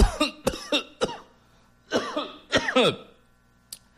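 A person coughs repeatedly in harsh, abrupt bursts, several quick coughs followed by a pause and then another wet, rasping series, fairly loud with no talking.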